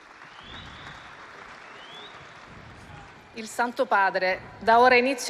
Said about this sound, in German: Es gibt Applaus für Papst Leo den 14., der jetzt seinen Platz einnimmt.